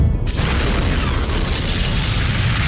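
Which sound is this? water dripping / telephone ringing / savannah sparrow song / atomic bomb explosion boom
atomic bomb explosion boom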